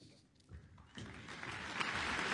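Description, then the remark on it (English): Concert audience applause for conductor André de Ridder and the New Zealand Symphony Orchestra before Schumann's First Symphony swells from a sparse start into a steady, dense patter of many hands clapping, growing fuller over a couple of seconds with no voices. “Applause for André de Ridder to conduct Schumann's spring-inspired first symphony, performed by the New Zealand Symphony Orchestra.”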